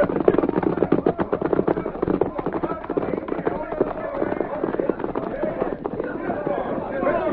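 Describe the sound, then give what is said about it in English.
Several horses, ridden by mounted men and some carrying cash, gallop off toward the hills in a dense, rapid drumming of hoofbeats that stays loud and steady, with the thudding strongest in the first second before settling into a continuous rumble. “Get mounted. And hurry. I'll lead the horses carrying the cash.”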